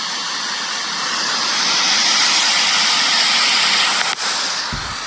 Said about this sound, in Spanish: Eso que se escucha ahí es el desborde del río.